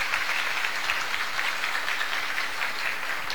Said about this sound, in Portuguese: Por isso, eu queria pedir a toda a comunidade uma salva de palmas para Dona Marieta.